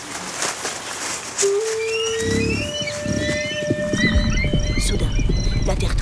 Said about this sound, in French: Des chevaux déboulent à toute berzingue. Oh non, non! Ce sont des guerriers de la tribu Idatsa!